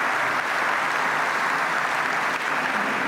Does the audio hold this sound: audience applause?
yes